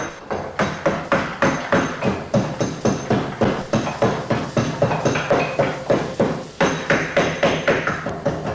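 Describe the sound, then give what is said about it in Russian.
Steady, rhythmic knocking of a mallet driving a chisel into beech wood while carving a sculpture, roughly three sharp woody strikes per second, each with a bright crack and quick decay, with no talking. “Поэтому скульптура из бука делается, как правило, для помещения, не для улицы. А как звучит бук? А вот послушайте.”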